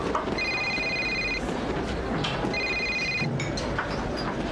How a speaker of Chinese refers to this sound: 我接个电话啊。